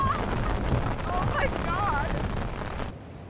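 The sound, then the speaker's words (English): Deep, continuous rumbling of thunder from a lightning storm in the Picos de Europa mountains rolls on for several seconds, loud and reverberant, echoing around the mountain range, with faint muffled vocal sounds briefly rising above it before it cuts off. “There was so much lightning, you could just hear it echoing around the whole mountain range. Ah, it's right above us.”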